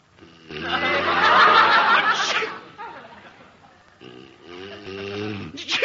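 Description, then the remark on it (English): A loud sneeze with a long breathy build-up that bursts at its end, followed by short voiced murmurs and vocal noises. “Gesundheit.”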